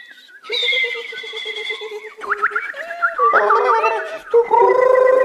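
A dense chorus of songbirds kept at a zoo, in the same room as the zoo's management offices, whistles and warbles at once, bright overlapping trills and sliding notes filling the space loudly and continuously, with no one speaking.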